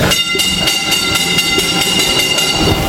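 A mine train in Poland rolls steadily along rails 212 metres underground, on level four, named August, with a continuous metallic rumble and bright screeching overtones, punctuated by regular rhythmic clacks of wheels over track joints. No one speaks.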